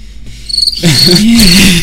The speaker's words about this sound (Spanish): Grillos en la noche.